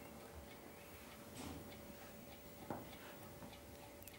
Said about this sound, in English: I can hear something ticking behind me. Yes, the last object. What's the name of this? Well, this is also a clock, and it's a clock that wakes us up when we're sleeping, and it's an alarm clock.